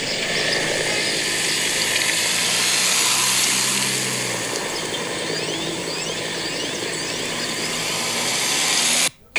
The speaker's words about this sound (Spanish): Vamos a escuchar esto aquí de los helicópteros que sobrevuelan a esta hora el sistema penitenciario.